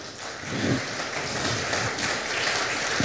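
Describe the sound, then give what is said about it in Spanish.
A crowd of people clapping together, a dense, steady wash of applause that holds at an even level for a few seconds with no voices over it. “Otro aplauso, por favor.”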